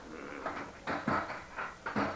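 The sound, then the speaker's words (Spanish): A bathroom door is opened, with a few short wooden clunks and rattles spread over a couple of seconds and no voices. “Ya abrió la puerta del baño y nos vio en pelota.”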